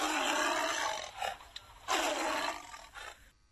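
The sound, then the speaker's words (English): A tiger, the character Tiger introducing itself in an English lesson, roars loudly: one long, rough roar, a short growl, then a second powerful roar trailing off into a brief grunt. “I'm Tiger.”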